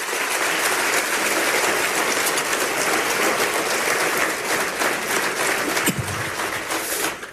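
An audience at a church service claps loudly and steadily for several seconds, a round of applause for Christ after the pastor's sermon, a dense wash of many hands with no voices on top, holding strong before easing slightly at the end.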